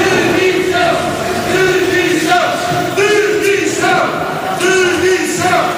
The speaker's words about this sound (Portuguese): Ainda antes da discussão da moção de censura, uma intervenção da Presidente de Câmara, Inês de Medeiros, foi interrompida por sonoros protestos fora da sala, no Fórum Romeu Correia, em Almada. Algumas pessoas gritaram demissão.